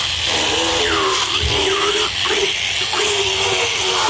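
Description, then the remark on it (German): A large dental drill, used on an animal's teeth after they have been checked, runs continuously for several seconds, a loud, steady high-pitched whir with a hissy edge, while brief wavering lower tones rise and fall beneath it. “kommt das, auf das ich schon so lange gewartet habe, nämlich greift sie zu dem grossen Bohrer.”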